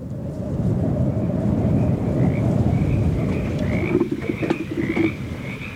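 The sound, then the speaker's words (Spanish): A dense chorus of frogs croaking continuously in Guanajuato, Mexico, a mountainous place where frogs abound; many voices overlap into a steady pulsing drone, with a few sharper chirping calls rising near the end. No one speaks. “Lugar montuoso donde abundan las ranas.”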